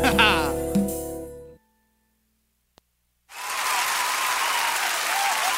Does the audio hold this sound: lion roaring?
no